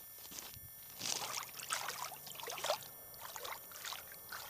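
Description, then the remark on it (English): Water trickles and splashes in irregular bursts, like hands or a paddle moving through shallow water, with soft gurgling between the louder splashes. “The water's not cold yet, but it's probably because it's also still kind of warm out.”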